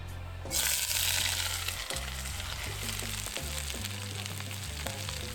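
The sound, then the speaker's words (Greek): Vegetables, including carrot and pepper, hit hot extra virgin olive oil in a cast-iron wok with a sudden loud sizzle that settles into steady crackling hiss, with occasional scraping stirs and low thumps underneath; no one speaks. “Με λίγο λαδάκι να σοκάρουμε. Κρέτα βοτάνικα, σιτία, έξτρα παρθένο, στιακό ελαιόλαδο. Μέσα τα λαχανικά και ακούστε.”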